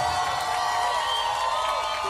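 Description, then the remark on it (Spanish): A crowd applauds and cheers steadily, a loud, continuous wash of clapping and shouting voices that holds at the same level for a couple of seconds. “fuerte aplauso”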